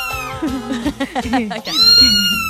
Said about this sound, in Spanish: Oye, ¿y ese gato?